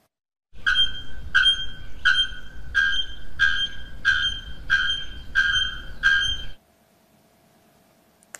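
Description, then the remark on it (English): A bare-throated bellbird, a Brazilian contender for the world's loudest bird with a call that may exceed 120 decibels, calls about eight times in a steady series, each note a loud, harsh, metallic blast like a horn or anvil strike, over low background rumble, then silence. “First, a rare-throated bellbird with a call like the blast of a distress signal.”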